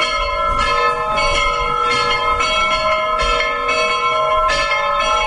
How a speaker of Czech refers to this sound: Ovako je pozivalo zvono Pečujskog srpskog pravoslavnog hrama na proslavu zaštitnika svetinje, svetitelja, srodnika apostola Pavla i njegove pomoćnice, svetog Andronika i Junije.